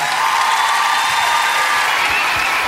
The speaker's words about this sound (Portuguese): Mais uma vez, obrigado, Anguna. Merci. Merci. Um forte aplauso para a minha amiga Anguna.